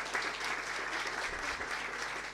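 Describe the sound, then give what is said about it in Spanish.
A crowd applauds steadily in thanks to a milling company that is supporting health work, a dense wash of many hands clapping at an even, fairly loud level with no voices standing out. “Muchas gracias, un fuerte aplauso.”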